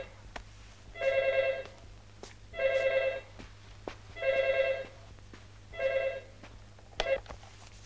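A telephone rings four times in a steady rhythm, each electronic trill lasting about half a second with short pauses between, followed by a brief cut-off burst. No voices are present.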